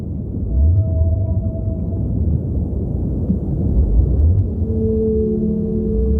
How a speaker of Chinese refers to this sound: 那是蓝鲸的叫声。